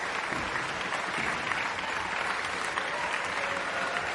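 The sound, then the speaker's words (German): Sustained, dense applause from a large concert audience in the Schenkelhalle in Potsdam, calling for an encore from the orchestra and two soloists, steady and continuous throughout with no pauses, a broad wash of clapping at moderate loudness. “Also ich glaube, das Publikum möchte weder das Orchester noch die beiden Solisten gehen lassen.”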